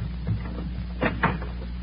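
door being opened

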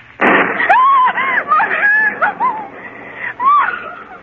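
thunderclap

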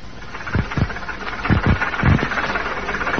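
bus engine idling

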